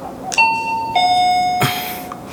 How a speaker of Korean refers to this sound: 계단을 오르느라 가쁜 숨을 몰아쉬고는 잠시 망설이다. 초인종을 눌렀다. 아직 집에 안 왔나?